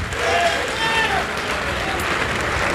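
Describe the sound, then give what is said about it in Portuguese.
An audience claps steadily in a dense, continuous wash of applause lasting a few seconds, with raised voices and cheers rising and falling through the noise. “Vem para cá, vamos aplaudir mais.”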